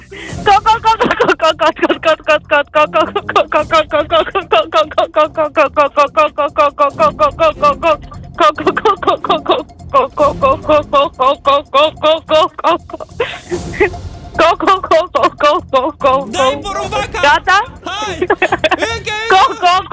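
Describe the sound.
As a 30-second challenge in a game, a person imitates a hen, clucking rapidly and continuously in short, rhythmic bursts close to the microphone, with brief pauses and a few higher squawks near the end.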